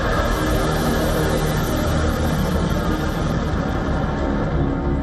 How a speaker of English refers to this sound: Missiles roar through the skies.